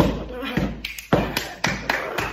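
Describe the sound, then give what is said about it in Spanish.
Footsteps thump up a staircase in a steady rhythm, about eight firm thuds in a little over two seconds, with a faint murmur underneath. “Subo las escaleras para arriba, así.”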